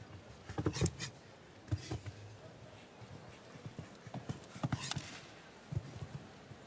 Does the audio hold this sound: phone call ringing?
no